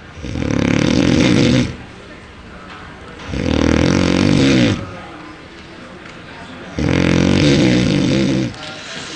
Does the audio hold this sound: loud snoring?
yes